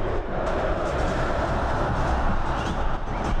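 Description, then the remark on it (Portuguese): A dense, steady roar of Grêmio football fans cheering at the Arena, a loud continuous wash of many voices with no single voice standing out, holding at an even level throughout. “Som da Arena, esse é a festa do torcedor.”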